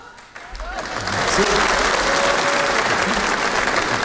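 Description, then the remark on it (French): An audience breaks into applause that swells within the first second into dense, steady clapping and holds loud until the end, with faint cheers and voices mixed into the crowd noise. “Je suis content, ma femme, il a applaudi de ouf, il est trop content.”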